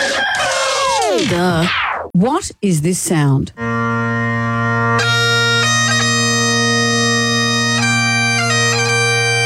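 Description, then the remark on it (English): Bagpipes start with wavering, swooping squeals, then settle into a loud, steady buzzing drone with a reedy melody layered on top. A brief spoken question comes first. “What is it? Bagpipes. It's bagpipes.”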